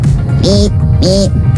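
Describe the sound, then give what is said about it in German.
A 12-year-old boy's voice imitates a woodcock call twice, each a short, croaky, arching grunt paired with a hissy high squeak, evenly spaced over a steady low rumbling background. “Er kann Vogelstimmen nachmachen.”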